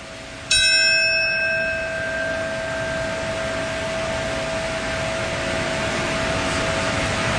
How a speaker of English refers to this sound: That bell that you hear, this is the time that the North Tower fell 25 years ago, marking the moment, and a moment of silence now.